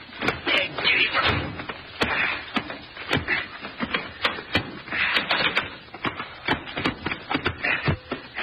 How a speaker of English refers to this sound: Now, let me out and I'll open the door. Okay.